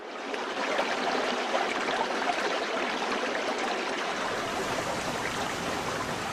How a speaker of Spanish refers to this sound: Un espectáculo que vincula los sentidos. El rumor que del agua se escucha en su profundidad embelesa los oídos, mientras que la contemplación del agua derrochándose y saltando entre las rocas anonada la vista.